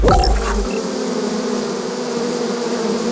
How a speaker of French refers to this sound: vous mettez des abeilles dans l'oreille, là. Oui, des milliers d'abeilles, rien que pour vous et pour éviter que des éléphants ne s'invitent dans ce studio.